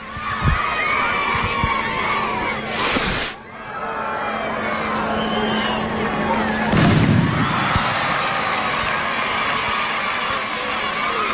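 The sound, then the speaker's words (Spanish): A dense, noisy crowd shouts and cheers as the fuse is lit and the opening rocket of the San Fermín chiquito festivities fires, with two sharp loud bangs a few seconds apart and a low rumble after the second as the cheering swells. “Ya están poniendo la mecha.”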